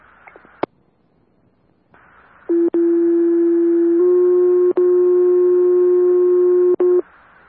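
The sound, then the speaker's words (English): A loud, steady fire dispatch radio paging tone, calling Clarkson Fire for additional standbys at the station, sounds alone for about four seconds, stepping to a second held pitch partway through, with brief clicks and dropouts over a faint hiss. “Medic 82 also will need flare tones for additional standbys. Be standby tone.”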